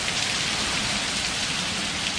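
Steady rain pattering on a hard surface, a dense continuous hiss of drops with no pauses, moderately loud, with no voices; a rain recording taken from YouTube.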